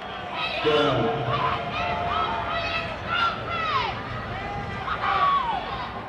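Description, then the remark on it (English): A large baseball crowd reacts to a pitch that missed above the zone, with the Clippers leading 10-3, a loud, sustained roar of overlapping shouts and rising and falling voices that swells and dips over several seconds. “Crowd wanted that call.”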